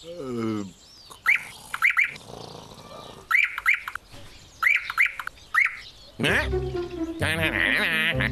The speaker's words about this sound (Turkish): Hala bir şey eksik. Bahar ayında gelirdi hep. Bülbül.